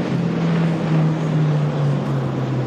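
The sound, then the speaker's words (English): A 2027 AMP 35, a 35-foot outboard racing catamaran, roars steadily past at about 117 miles per hour with a droning hum and a rushing, wind-like wash, its pitch sinking slightly as it passes by. No one speaks. “That's probably a 117 mile an hour boat.”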